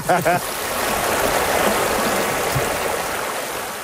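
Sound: flowing stream water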